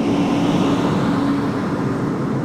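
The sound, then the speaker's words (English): A steady low engine rumble of buses idling after pulling up at a dementia care facility in the middle of a burned area, bringing residents and patients back; continuous and fairly loud, with a faint tonal hum running through it and no voices. “Some buses just pulled up and they're bringing the residents and patients back in here, right kind of in the middle of a burned area.”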